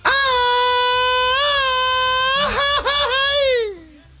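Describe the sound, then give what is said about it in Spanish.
A single loud, high-pitched Mexican grito: a sustained, wavering yell held for about four seconds, broken by a couple of quick pitch dips before it slides downward and trails off. It is shouted as the cry of Mexican independence. “No, pero vamos a dar el grito de la independencia de México, orgullosamente mexicanos.”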